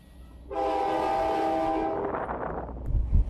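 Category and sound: ambience, railway station with train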